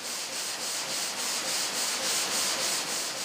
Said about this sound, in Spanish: Cortar un bloque de mármol en losas lleva casi 5 horas. Para evitar que las sierras se sobrecalienten, se enfrían continuamente con agua.